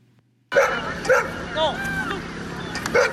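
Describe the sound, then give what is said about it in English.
Several dogs bark and yip in quick, uneven bursts, loud, with a few higher whining calls in between and a steady murmur of people in the background, at a dog show and dog sport competition with hundreds of dog owners and their dogs. “And this weekend saw hundreds of dog lovers and their furry pals taking part in competitions, bringing the community closer together.”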